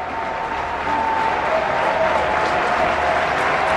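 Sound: baseball stadium crowd cheering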